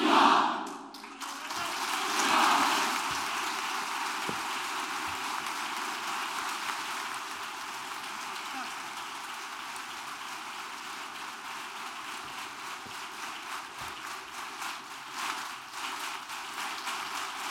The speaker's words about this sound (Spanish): Los aplausos después de ese discurso que ha ofrecido el rey Felipe VI en Melilla asegura que Melilla es Europa y Melilla es España.